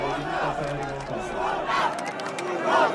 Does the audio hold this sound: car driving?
no